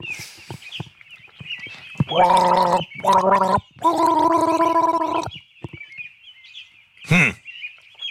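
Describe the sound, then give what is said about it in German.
A person gargles a short tune, not a classical piece, of three bubbly, pitched notes, the last one held longest and loud, followed by a brief sliding squeak. “Du bist ein bisschen, bist schon sehr knausrig geworden beim Gurgeln.”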